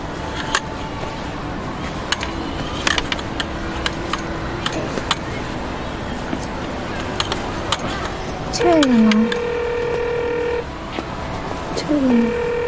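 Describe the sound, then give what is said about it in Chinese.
Scattered taps and clicks as a phone call is placed give way to a falling electronic chirp and a steady two-second phone tone, then another chirp, all over a low hum of background noise. “那你给他打电话，你问问。”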